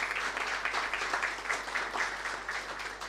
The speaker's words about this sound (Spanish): Un fuerte aplauso para ellos también.